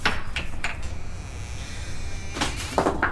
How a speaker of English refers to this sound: Now open that coal shed door. Why, though? Never mind why. Just open it.